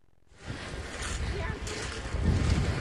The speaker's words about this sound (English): At the mouth of the Connecticut River is Old Lyme's Griswold Point, a gorgeous rocky beach that's crowded with visitors today